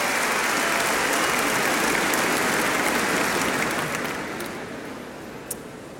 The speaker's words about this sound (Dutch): En laten we een heel hartelijk applaus geven voor alle daggasten. Welkom. Prachtig dat jullie er zijn.